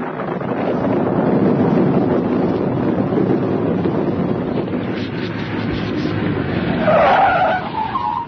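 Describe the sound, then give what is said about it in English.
A car's tires skid loudly across the road for several seconds as the driver stops for two men waving at the roadside on a night with lightning, a broad rushing screech over engine rumble, ending in a brief higher squeal as the vehicle comes to a stop. “I'm driving along. Not too fast, mind you.”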